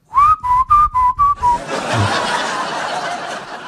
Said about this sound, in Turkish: Islık o kadar net mi geldi ya? Dur bir daha yapayım.